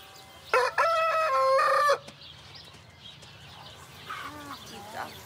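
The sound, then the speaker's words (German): A rooster, kept with up to 20 hens, crows loudly once, a long harmonic call lasting over a second, followed by quieter clucking and faint bird sounds in the background. “Und auch Hühner und bis 20 Stück und ein Hahn.”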